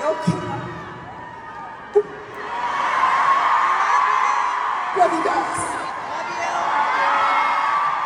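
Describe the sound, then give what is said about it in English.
A concert crowd cheers after the performer announces the show is cancelled due to illness, a sustained roar of voices and whoops, swelling after a quieter start, with a couple of sharp shouts or claps standing out along the way. “Obviously, the crowd understood there.”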